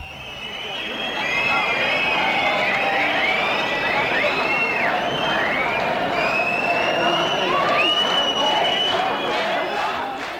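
A large concert crowd in Rostock cheers and applauds continuously, greeting the performer, loud and dense, with shrill screams and whistles rising above the roar throughout.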